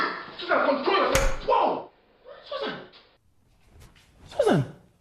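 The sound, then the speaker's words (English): A single sharp, loud slap across the face cracks out amid strained vocal outbursts and gasps, followed by further agitated voices and a rising cry. “You slapped me!”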